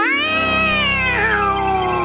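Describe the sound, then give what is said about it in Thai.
A cat lets out one long, drawn-out angry yowl, loud, its pitch wavering and dipping midway through. The sound carries alone for about two seconds with no talking. “แมวที่ทำขนพองขึ้นแสดงอารมณ์โกรธหรือไม่พอใจพร้อมทั้งส่งเสียงขู่ตะคอกเมื่อคนเข้าไปใกล้”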